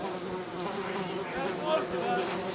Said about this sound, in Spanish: ¿Se relajan las moscas? No, ¿eh?